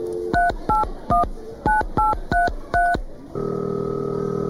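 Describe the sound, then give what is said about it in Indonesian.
Seven quick telephone keypad beeps in an uneven rhythm, each a crisp dual-tone press, followed by a steady ringing tone as the call connects. Clear, no talking. “aku coba telepon Tara dulu”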